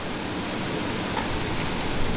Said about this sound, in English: I don't know, sorry, I don't know if people can hear. It's very windy, isn't it? Yeah, it really is windy. I've never known it like this before. The blinds are shaking like anything.